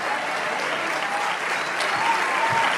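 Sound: applause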